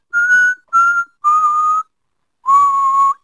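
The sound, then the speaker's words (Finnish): A person whistles four sustained, steady notes, each a touch lower than the last, with a short pause before the final longer one. The whistling is clear, with no talking. “kuukausi vihellellä.”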